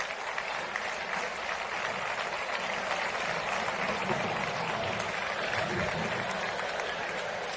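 Steady, dense applause from an audience fills the whole stretch, a continuous wash of many hands clapping at an even, fairly loud level without a break.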